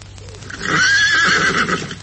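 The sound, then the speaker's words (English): A horse whinnies loudly, a long wavering neigh lasting over a second, with a few soft hoof clops underneath and no one speaking. “he's the stable lad, took our horses”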